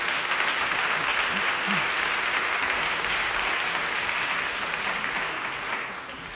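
An audience applauds steadily for a singer introduced to perform two songs, a dense wash of clapping that holds strong for several seconds before easing slightly toward the end.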